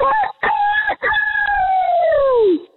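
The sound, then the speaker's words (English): A person imitates a rooster's crow: one loud, drawn-out call with a couple of short opening bursts, then a long sustained note that slides downward before cutting off. “I would say the open is stronger than the close, but overall, a great rooster crow.”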